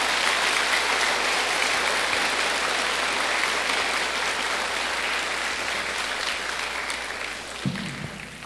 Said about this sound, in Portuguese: Uma salva de palmas para a nossa paróquia.